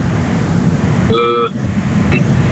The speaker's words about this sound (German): Kannst du nichts ändern, ne? Also es ist sehr laute Straßengeräusche.